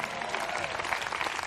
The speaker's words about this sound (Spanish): Denle un aplauso